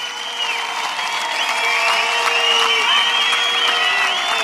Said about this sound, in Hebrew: אלה הדברים של ראש הממשלה נתניהו, שאתם שומעים את מחיאות הכפיים הרמות.